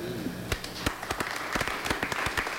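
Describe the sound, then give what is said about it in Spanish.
Scattered clapping rises from an audience, a wash of applause with a few sharper individual claps popping out irregularly, fairly soft overall and with no talking over it. “Fuerte los aplausos”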